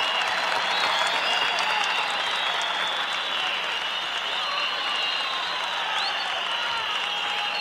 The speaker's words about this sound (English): Ladies and gentlemen, the orchestra, a round of applause for a true symphony salsa orchestra.